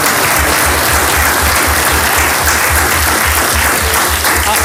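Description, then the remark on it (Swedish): People at a meeting clap steadily together to thank the presidium as flowers are handed over, a dense, sustained wash of applause that holds at an even loudness throughout, with no voices standing out. “Så att ett stort tack och vi ska lämna över blommor med att vi kan ge dem en gemensam applåd.”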